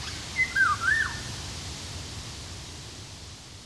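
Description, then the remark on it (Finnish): A single short, fluting song phrase of a golden oriole (Oriolus oriolus) rises and dips early on, clear, then fades into a steady background hiss for the rest. “Myös tieteellisen nimen Oriolus oriolus epäillään kuvaavan linnun ääntelyä.”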